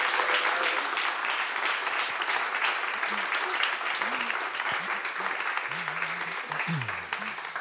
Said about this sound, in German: Und jetzt bitte ich um einen herzlichen und großen Applaus für unsere 3 Verkoster.